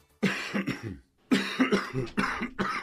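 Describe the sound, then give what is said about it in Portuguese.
Loud coughing in two harsh bouts: a short burst, a brief pause, then a longer run of repeated rough coughs with no talking. “Quando uma tosse não passa, ela merece atenção.”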